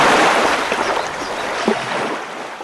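A loud, steady rush of water surges continuously, a single huge wave pouring down a stream after a small dam gives way, with a dense hiss throughout and no voices.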